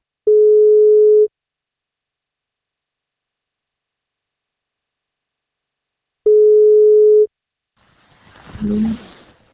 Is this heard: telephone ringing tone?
yes